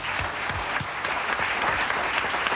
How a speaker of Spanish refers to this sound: Entonces, un aplauso para el Padre de nuestro Señor Jesucristo.